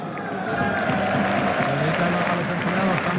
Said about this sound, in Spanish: Aplauden los compañeros al lado de él.